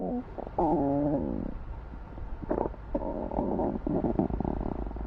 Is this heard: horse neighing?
no